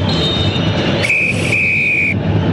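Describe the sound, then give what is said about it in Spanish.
A referee's whistle ends the first half of the Católica vs Cobresal football match at the UC stadium, with the score 0-0: a short shrill blast followed by a longer sustained one, piercing clearly over a constant roaring crowd. “Pitazo final, muy señores.”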